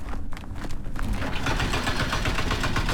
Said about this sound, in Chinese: 在威信到宜良高速公路建设现场，大型机械正在施工。这里属山岭重丘区，山高谷深。